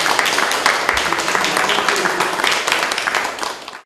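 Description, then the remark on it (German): Sustained applause from an audience in Lutherstadt Eisleben, honouring guests who travelled 1850 kilometres, a dense steady patter of many hands clapping at once, loud and continuous for a few seconds before cutting off. “Und ich denke, da können wir vielleicht auch dafür nochmal einen Beifall spenden.”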